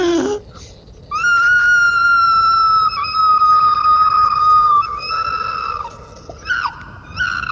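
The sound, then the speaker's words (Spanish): A person imitates an opossum's loud, sustained scream of pain as its tail burns in a fire, a long shrill wail held for several seconds with a few sharp breaks and wavers near the end, alone. “Y el tlacuache pegó un fuerte grito de dolor, más o menos así.”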